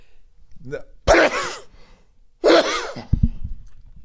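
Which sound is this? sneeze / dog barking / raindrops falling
sneeze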